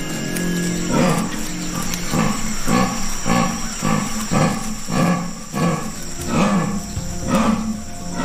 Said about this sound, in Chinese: 这一次，他听到了雌性美洲豹发情时发出的低吼声。这种叫声就像是伐木的电锯声。